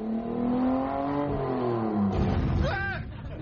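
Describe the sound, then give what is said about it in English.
A car engine hums and revs, its pitch rising and shifting as the vehicle pulls away, fairly loud throughout the short recording. “by 1970, Frayner decided he'd had enough of public transport, and he was travelling by car.”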